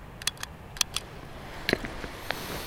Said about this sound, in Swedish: Det här är en sån här handräknare. Och det är ju att när man ska samla 10 000 frön, då gäller det att hålla ordning. Hur många individer har jag samlat från? Så klickar man med den här.